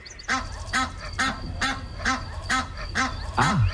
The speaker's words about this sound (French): C'est un canard, non? C'est un animal. C'est une oie.